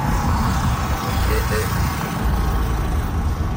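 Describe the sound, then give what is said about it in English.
An old Model T car, over 100 years old, drives across the Gordie Howe Bridge on its opening day, its engine and road noise forming a steady, loud, low rumble for the whole few seconds amid busy outdoor ambience. “That car itself, I think, is 100 years plus old. And it's going across the bridge at 12 o'clock.”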